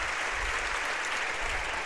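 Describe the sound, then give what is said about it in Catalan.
A large crowd at the Estadi Olímpic applauds steadily, a dense wash of many hands clapping at once with a broad, reverberant quality, sustained at even loudness throughout without any voices standing out. “Aplaudeix al públic de l'Estadi Olímpic, aplaudeix també al presbiteri.”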